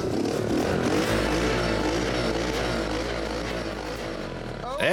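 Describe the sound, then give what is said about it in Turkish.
The small engine of an off-road survival motorcycle idles and runs steadily in a workshop during final touches, with a low, continuous rumble and a chugging texture throughout; a voice speaks over it near the end. “güz projelerinde kullanacağı arazi aracı olan hayatta kalma motosikletinin son rötuşlarını yapıyor”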